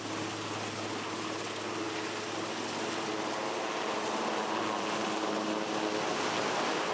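vehicle, helicopter flying

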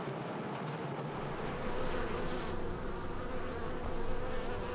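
insect, honeybees buzzing

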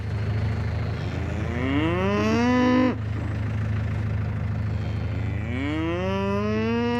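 animal, galloway cattle mooing

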